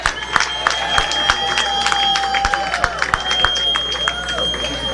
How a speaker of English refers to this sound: Keep the applauses going as we continue to cheer for those wonderful young ladies who so ably represented their constituencies in the recently concluded Labour Queen Show.